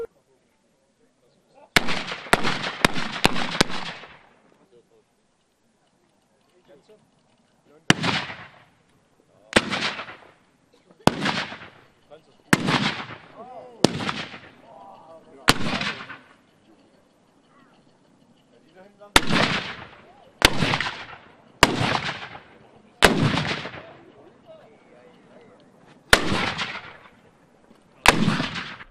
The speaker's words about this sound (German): Über 50 Kanonen wurden präsentiert. Die gesamte Vorführung dauerte eine Stunde und war verbunden mit gewaltigen Schussgeräuschen. Und ganz in der Nähe der Kanonen verspürte der Körper ein leichtes Vibrieren.